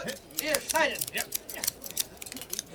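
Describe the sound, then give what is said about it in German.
Rapid, repeated crisp snips of tailors' scissors cutting cloth panels on the great square of an emperor's palace, fairly loud, with voices murmuring underneath during the first second. “Achtung, die Schneider! Hier. Und Scheren! Marsch!”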